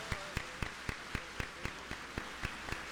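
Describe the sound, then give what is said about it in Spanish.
An audience at a religious healing event claps together as applause for Christ Jesus, in a steady, even rhythm, roughly four sharp claps per second over a dense wash of crowd noise, with no talking. “Un aplauso para Cristo Jesús. Más fuerte, más fuerte.”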